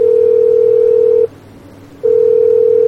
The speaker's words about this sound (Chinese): 嘿，不接电话啊？怎么不接电话？ 再试一次。